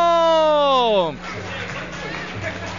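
A held, falling vocal note ends after a second, then an audience breaks into steady applause mixed with crowd noise and cheering that carries on at moderate volume to the end.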